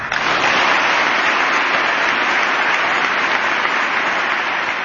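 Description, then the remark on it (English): Sustained bipartisan applause from members of Congress after a speech, steady and loud throughout with dense, overlapping clapping and no voices breaking through. “I imagine those were bipartisan claps there.”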